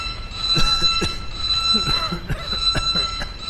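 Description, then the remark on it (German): A steady, shrill electronic alarm tone drones on throughout, holding a constant pitch, while muffled voices and clattering noises sound over it. “schalte Alarm aus.”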